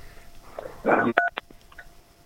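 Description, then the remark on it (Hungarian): A short burst of noisy handling sound followed by a couple of clear, brief electronic telephone keypad beeps as a caller presses a button, with a faint tonal hum underneath; moderately loud, no talking. “Bocsánat, csak megnyomtam azt valamilyen gombot, de mindjárt elrejtem.”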